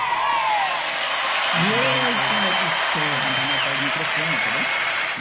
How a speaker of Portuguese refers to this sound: Mais palmas para essa canção.